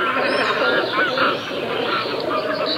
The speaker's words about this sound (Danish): skarven. En fugl, som jeg ved, du ikke er sådan udpræget glad for